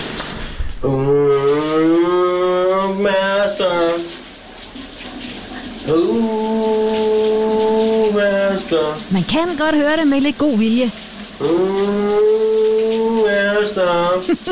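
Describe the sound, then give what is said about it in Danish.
A man hums a popular Danish song from the 1980s in long, sustained phrases while shower water runs steadily underneath, loud; a brief spoken remark is heard too. “Men det er en interessant nynnestil. Han har i bruseren i dag, min gode kollega.”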